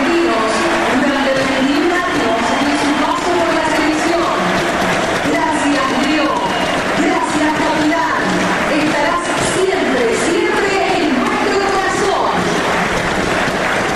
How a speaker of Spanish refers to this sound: paró el partido para el aplauso de pie para Messi. De pie el estadio, De pie a los 10 minutos.